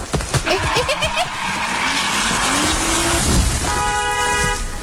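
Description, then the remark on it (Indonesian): Over a steady hiss of heavy, worsening rain, a family car braked quickly by the father brakes hard and its tires squeal in rising, wavering tones for a couple of seconds, then a loud car horn blares continuously. “Ya ampun, untung aja Papa cepet ngeremnya.”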